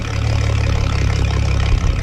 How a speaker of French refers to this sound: Puis tout ce qu'on peut entendre, c'est le ronronnement du moteur. Excepté à un moment donné qu'il y a des oiseaux, des goélands, des huards qui viennent changer le silence de toute cette étendue-là.